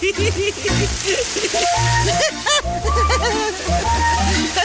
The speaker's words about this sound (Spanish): Lo que pensamos que era un monstruo es el sonido que produce el caer de las aguas de esa hermosa cascada. El eco distorsionó el sonido del agua y por desconocer qué lo causaba, el miedo nos hizo pensar que era un monstruo.